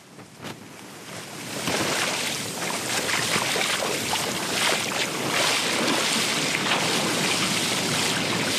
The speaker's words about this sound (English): The roar of the ocean behind me is a stark reminder of the power of nature. I'm standing here on the beachfront at Batukarasa village along Fiji's coral coast, where large waves continue to pound the shoreline.